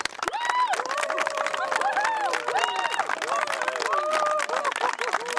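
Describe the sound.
A crowd applauds steadily with dense, continuous clapping, loud throughout, while high whoops and cheering voices rise and fall over the top.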